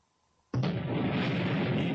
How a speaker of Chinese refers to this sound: 1964年10月16日，中国第一颗原子弹爆炸成功。